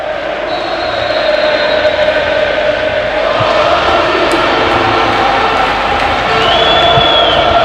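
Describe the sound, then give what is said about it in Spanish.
A huge football stadium crowd at Noeta roars steadily and loudly at kickoff of a Real Sociedad match, just after the referee's whistle, a dense wall of cheering with occasional whoops and a couple of thin, high whistle tones rising above it. “Así suena Noeta, así suena cuando acaba de también sonar el silbato.”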